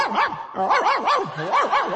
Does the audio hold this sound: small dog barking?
yes